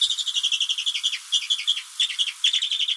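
A rapid series of thin, high-pitched chirps from a bearded vulture, the largest bird of the Alps, repeated in quick bursts with brief pauses, clear with no other sounds.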